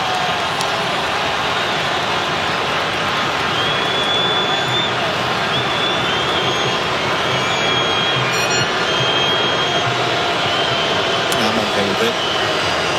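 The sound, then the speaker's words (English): A large stadium crowd at an Egypt versus Iran football match roars in a dense, steady wash of voices after a foul involving Egypt's Trezeguet. The roar is loud and continuous throughout, with no clear lulls or single voices standing out. “I'm okay with that challenge. The crowd's not.”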